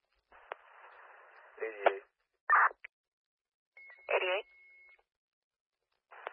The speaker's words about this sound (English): How's my signal? Copy. I copy you. You're a little static